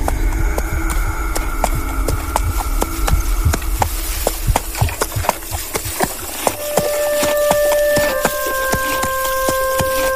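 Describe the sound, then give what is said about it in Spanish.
Steady clip-clop of a black horse's hooves striking hard ground at a walking pace as it is ridden back to the Patiños ranch, fairly loud, with a sustained tonal drone swelling up in the background toward the end. “Con el corazón latiéndole en la garganta, mi tío subió al caballo negro y juntos regresaron al rancho de Patiños.”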